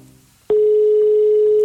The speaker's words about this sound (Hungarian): És még egy csörgésünk van hátra.